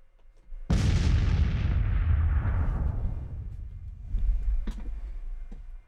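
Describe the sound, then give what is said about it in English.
A single explosion sound effect, played from a soundboard button, bursts in suddenly with a heavy, booming roar, then rumbles and decays over several seconds, followed by a few faint clicks and thuds. “That was explode.”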